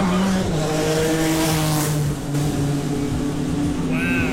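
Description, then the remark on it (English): A race car engine roars loudly and steadily, its whining pitch sliding down and then holding as the car speeds along the track, with a brief squeal near the end. “watched the cars race down the track yesterday”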